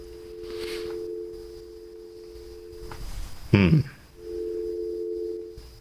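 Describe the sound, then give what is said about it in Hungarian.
A telephone ringback tone hums steadily for a few seconds while a number is dialed out in the morning, pauses for a brief burst of muffled sound, then rings again at the same even level. “Azért még egyszer ellenőrzöm a számot, hogy nehogy valakit fölhívjak így reggel, mint a rádióból való telefonba zárkodás.”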